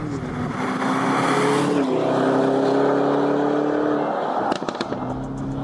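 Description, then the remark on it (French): A Lamborghini Urus engine roars steadily as the car drives hard on a wet track at the Circuit de l'Ouest Parisien, its pitch rising and shifting through gear changes, ending with a few sharp clicks and pops as the throttle lifts. “Mais quand même, quand t'es dedans, le son, c'est une Lambo.”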